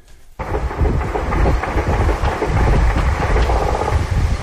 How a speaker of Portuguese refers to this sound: Foi com esse som de vários helicópteros e disparos que a população do Rio de Janeiro acordou novamente. Dessa vez com operação em comunidades da zona sul da cidade.